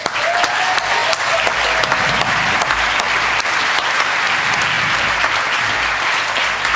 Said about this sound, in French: C'est Joseph. Bravo Joseph, applaudissez-le.